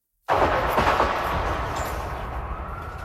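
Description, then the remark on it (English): A sudden burst of gunfire near the White House in Washington, D.C., on a Saturday evening: several rapid sharp cracks blurring into a dense, roaring wash of noise that sustains and slowly fades, with no voices. “Gunshots were heard near the White House on Saturday evening, sending journalists scrambling for cover.”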